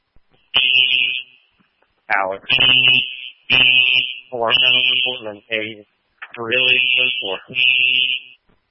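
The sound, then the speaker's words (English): Fire alarm horns blare in repeated bursts, a loud shrill pulsing tone that nearly drowns out a voice talking beneath it. “the horns blurred you out.”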